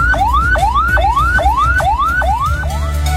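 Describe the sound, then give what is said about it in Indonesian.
A fast, repeating ambulance siren wail, each tone sweeping rapidly upward about every half second, loud over a low rumbling background, with no talking; the fastest siren pattern, used when an ambulance carries an emergency patient. “Bunyi yang ketiga frekuensinya paling cepat yang berarti ambulan sedang membawa pasien gawat darurat.”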